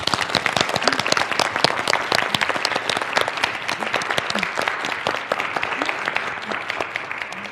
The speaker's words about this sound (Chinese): 同学们，让我们再次呀用掌声感谢